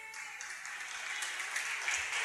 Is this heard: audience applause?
yes